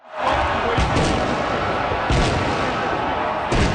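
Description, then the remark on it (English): Fireworks explode in three sharp, booming bursts spaced about a second apart, ringing out over a steady roar of background noise, like a crowd or street outdoors. “Montreal police are reminding people fireworks are illegal to use in public spaces without a permit.”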